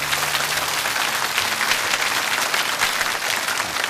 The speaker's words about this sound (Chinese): 掌声鼓励一下。